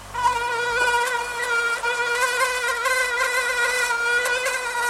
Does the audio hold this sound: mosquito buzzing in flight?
yes